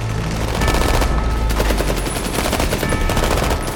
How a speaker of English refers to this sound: The barrage of gunfire takes out more residents. Peacekeepers shoot at the ascending workers, who hurry higher into the green treetops and disappear.